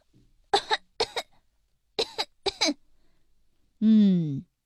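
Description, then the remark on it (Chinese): A child, examined by a doctor with a stethoscope on the chest, coughs twice on request, each cough a short, forceful double burst with a pause between, followed by a brief voiced, tonal vocal sound at the end. “现在使劲咳嗽2声，让我听听。”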